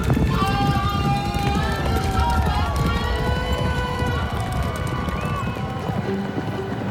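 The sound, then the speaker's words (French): A fast, dense rumble of galloping hooves pounds steadily throughout, loud, at a horse race, with a crowd of voices calling and cheering over it. “Manet et Degas vont aux courses. C'est très à la mode. Ils peignent les chevaux en train de bondir”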